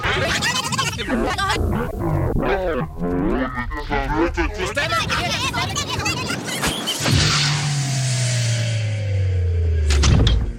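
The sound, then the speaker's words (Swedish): Voice-like grunting sounds give way to the door of the large radio archive at Sveriges Radio on Gärdet in Stockholm swinging open with a long, drawn-out creak that slowly drops in pitch, ending with a short knock near the close. “Där öppnar vi dörren till det stora radioarkivet här på Sveriges Radio, som ju ligger på Gärdet i Stockholm, har legat här sedan början av 60-talet faktiskt.”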